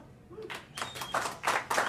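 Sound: audience clapping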